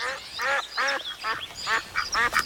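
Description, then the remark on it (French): A very agitated duck quacks excitedly under a cherry tree, a rapid string of about seven loud, nasal quacks, while flapping its wings, spinning around, twisting its neck and waving its webbed feet, with no other sounds or voices. “Le canard battait des ailes. Il tournait sur lui-même en dévissant son cou et en agitant ses pattes palmées.”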